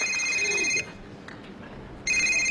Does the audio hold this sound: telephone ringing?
yes